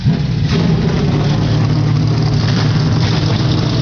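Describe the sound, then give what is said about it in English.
A loud, steady roar of 37 NASCAR O'Reilly Auto Parts Series stock car engines starting up and rumbling together at the Iowa Speedway before the Hy-Vee Perks 250, deep low-pitched idling layered with higher revving bursts, continuous, with no voices. “37 NASCAR O'Reilly Auto Parts Series cars come to life here at the Iowa Speedway.”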